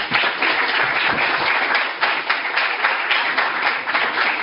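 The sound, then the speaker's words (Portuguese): A crowd applauds steadily for several seconds as a forensic expert (perito criminal) is called up to speak: a dense, even wash of many hands clapping at once with no voices standing out. “Uma salva de palmas.”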